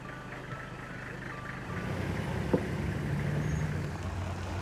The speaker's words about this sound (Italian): Le macchine girano in tondo, trovano un lago dove le teste di alcuni ippopotami spuntano dall'acqua, poi ripartono veloci, guidati dalle voci gracchianti delle guide che per precauzione comunicano tra loro solo in swahili.